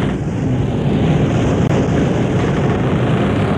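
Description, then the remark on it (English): Steady, loud rushing wind roars continuously with a deep rumbling low end, whipping the sails of a schooner at sea in the radio program The Adventures of Sailor Sam, with a brief dropout midway and no voices. “Hear the creak of the rigging, listen to the wind whip the sails.”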